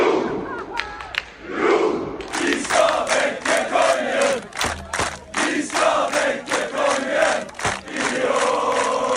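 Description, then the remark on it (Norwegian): Loud crowd of Norwegian football fans cheering and shouting in the streets of Oslo, including Slottsplassen, celebrating a World Cup win over Senegal, a dense roar of many voices with rhythmic chanting bursts and occasional thumps, sustained throughout. “Det var full fest og stormende jubel i Oslos gater etter seieren i natt.”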